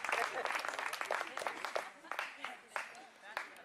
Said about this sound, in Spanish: Dele un aplauso fuerte al Señor en esta tarde. ¡Aleluya!